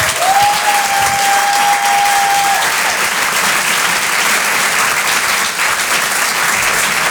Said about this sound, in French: Je vous demande de l'encourager, de l'applaudir très très fort s'il vous plaît.